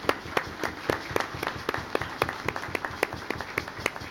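An audience at a church service applauds the deacons present on the Day of the Deacon, a crowd clapping in a steady crackle of overlapping hand claps with sharp louder claps standing out at a brisk rhythm, moderately loud throughout, with a faint murmur of voices underneath.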